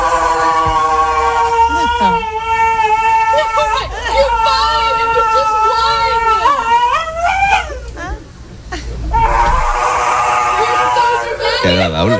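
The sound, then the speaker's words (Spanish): A large mastiff-type dog whimpers and whines while having its nails clipped by a groomer, in long, high, wavering cries that rise and fall almost without pause, with a low murmur of background noise underneath. “¿Dónde estaba el perro agresivo? Escucha.”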